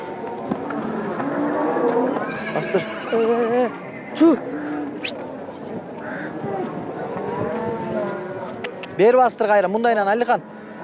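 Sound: horse neighing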